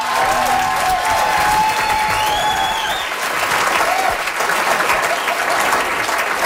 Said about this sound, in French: Alors nous, à la croisée, nos applaudissements sont préenregistrés.